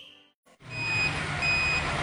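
A truck's reversing alarm beeps twice in steady, drawn-out tones over a loud diesel engine rumble after a brief quiet start, as a container arrives at Direct Furniture Outlet in Hawke's Bay.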